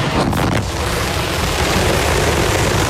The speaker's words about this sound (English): All right, little more than 35 seconds into the flight, 33 out of 33 engines lit on Super Heavy. The windows shaking a bit here.